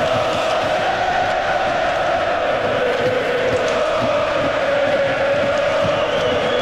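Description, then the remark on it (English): A large ice hockey arena crowd roars in sustained celebration during a fight between players at a Sabres game, a dense wall of cheering and shouting that stays loud and steady throughout, with occasional whoops rising above the din. “Crowd in celebration mode.”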